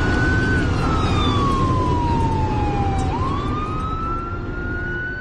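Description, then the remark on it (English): A fire truck siren wails as the truck comes up from behind during a fire, its tone sliding slowly down and then sweeping back up over a steady rumble of traffic and engine noise. “Here comes a fire truck behind us.”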